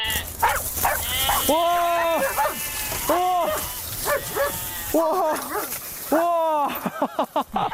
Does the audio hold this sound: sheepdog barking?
yes